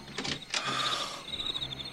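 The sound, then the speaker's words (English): A door is unlocked and opened: two quick clunks of the latch or bolt, then a thin, drawn-out squeak as it swings, with no talking. “Here, let me unlock the door.”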